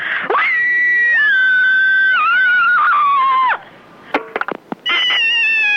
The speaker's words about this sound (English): There's nothing like a good scream to get your aggressions out, and I am particularly one of those people who needs to ventilate quite regularly. So here I go.